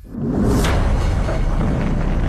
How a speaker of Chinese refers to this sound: 1964年10月16日，中国自行研制的第一颗原子弹爆炸成功，中国因此成为第5个拥有原子弹的国家。